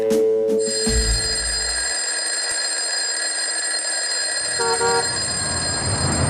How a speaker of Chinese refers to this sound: 一阵铃声响过，下班了。